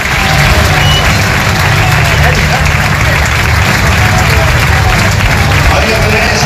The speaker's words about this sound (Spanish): Un referente, y los aficionados se lo han transmitido con una gran ovación que están escuchando.